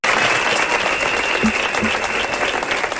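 Dense, continuous applause from a crowd of more than a hundred performing-arts professionals protesting at the doors of the Teatre Principal in València, a theatre being closed. A sustained high whistle runs through it, and a couple of brief sharp whistles poke out midway.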